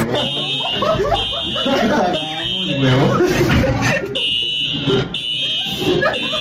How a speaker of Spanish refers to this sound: Porque de un momento a otro empezó a sonar. No, o sea, todo el mundo evacuó. Claro, la alarma. Yo la escuché.